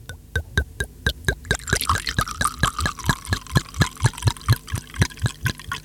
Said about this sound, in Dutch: Even kijken, ik heb een glas. Ja, je hebt er twee zelfs. En wat doen we met dat glas? Schenken, schenken.